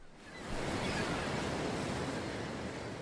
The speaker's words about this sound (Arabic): عزيزي الزائر، إلى محافظة ظفار. في موسم الخريف يكون البحر هائجا وأمواجه عالية في جميع الأوقات وفي كل المناطق، لذا تجنب النزول إلى البحر وراقب أطفالك عند التواجد بالقرب من الشواطئ وامنعهم من الاقتراب من البحر.